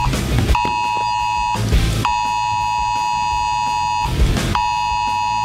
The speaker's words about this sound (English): Well, Britain has taken the extraordinary step of sending a wildfire alert to every single phone in England and Wales. Was it really necessary?